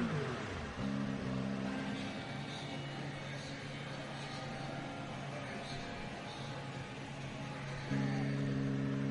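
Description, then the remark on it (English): Race cars roar past one after another at the end of a race as celebrations begin, a loud, continuous engine drone with high-pitched whine, surging as a new car sweeps by near the start and again near the end. “Still getting some of the cars coming through as the celebrations start.”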